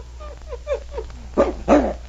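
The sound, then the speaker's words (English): A dog named Boona, on a leash, gives a quick run of short, rising-and-falling whimpers, then lets out two loud barks in quick succession, sounding eager and worked up. “See how excited he gets? He knows he's been here before.”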